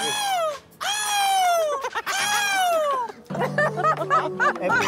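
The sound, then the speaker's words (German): Voices imitate seagull calls: three long, loud, high-pitched cries that slide downward, followed by a burst of choppy, chattering squawks that could also be laughter. “Ich will jetzt, dass jeder einmal die Möwen nachmacht, okay?”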